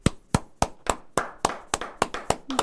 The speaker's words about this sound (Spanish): Ahí voy a hacer un paréntesis, antes que saque. Un agradecimiento y un aplauso.